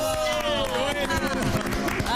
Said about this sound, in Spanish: ¡Fuerte el aplauso!